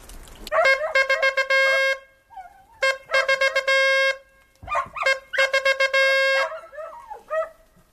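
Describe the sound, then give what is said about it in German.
A hunting horn blows the signal for a dead roebuck: loud, brassy phrases of rapidly repeated notes separated by short pauses, with no voices. “Das nächste ist Reh Bock tot.”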